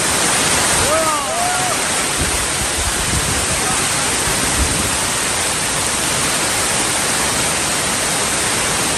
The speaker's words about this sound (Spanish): Así se escuchaba justamente el día de ayer la tromba de agua que cayó justo encima de esta acampada. Un temporal que llegó a afectar 3 líneas de metro en Madrid y obligó a los manifestantes a retirar el agua acumulada en esta zona